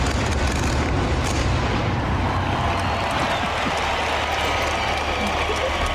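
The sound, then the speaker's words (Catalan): A dense, continuous rumble of fireworks bursts and crackling pops from a pyrotechnic show launched from within the Sagrada Família, lighting up its towers, blends with steady crowd applause, loud and unbroken throughout. “I aquest és el so, el joc pirotècnic de la pirotècnica.”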